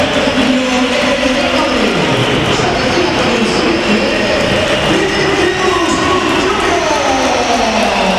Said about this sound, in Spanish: Y se marcha Vinicius. Se marcha Vinicius, minuto 86. A ver, hay que oír. Alto, Miguel, hay que oír. Bella pitada.